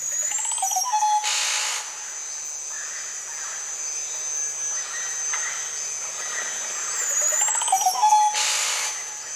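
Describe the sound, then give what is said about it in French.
Birds of the French Guiana tropical forest call over a steady, shrill drone of insects, with whistled sweeping notes near the start and end and a few soft hoots in between. No voices. “Il y a d'autres oiseaux que l'on peut proposer aussi, les oiseaux de ces environnements-là, de la Guyane.”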